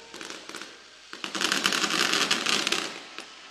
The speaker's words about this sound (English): It's the grand finale of the fireworks show.